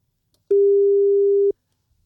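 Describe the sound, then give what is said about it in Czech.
A telephone ringback tone heard while placing a call to a contest winner: one steady, clear beep lasting about a second, with quiet line silence before and after and no voices. “A dneska to bude telefon.”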